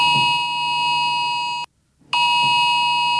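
Mobile phones across England and Wales blare a UK emergency alert alarm warning of a very high risk of wildfires: a loud, harsh, steady tone that cuts out for about half a second, then resumes just as piercingly. No one speaks.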